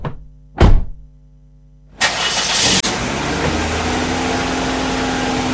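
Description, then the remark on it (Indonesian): A car door thuds shut, then an engine cranks and catches, settling into a steady running rumble that continues to the end. No one speaks. “Iya mbak, oke, ayo kita angkat ke mobil sama-sama ya mbak ya.”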